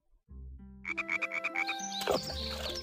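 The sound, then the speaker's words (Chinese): A frog croaks in a quick, steady run of about seven close, fairly loud pulses over a low humming background, with a brief noisy burst near the end. No one speaks. “暖和的春天来了，池塘里的冰融化了，青蛙妈妈睡了一个冬天也醒来了。”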